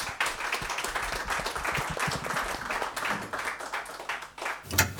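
A crowd applauds a speaker being called onto the stage, many hands clapping in a dense, continuous patter that stays fairly even before a sharper burst near the end.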